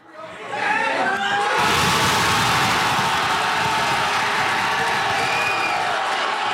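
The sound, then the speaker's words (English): A packed crowd at a soccer watch party in a Fredericton pub erupts into loud, sustained cheering and shouting after a brief rising build, as Canada's men's team scores the only goal, in extra time, against South Africa at the World Cup; the roar stays dense and continuous with scattered whoops and laughter. “That was the crowd at a watch party at a Fredericton pub the moment Canada's men's team scored in extra time.”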